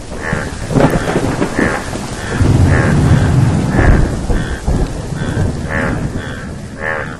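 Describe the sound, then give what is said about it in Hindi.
Heavy rain pours steadily throughout while deep thunder rumbles roll in, swelling loudest around the middle, with no talking. “टर टर सुनकर बादल आए और झूम कर बरसे।”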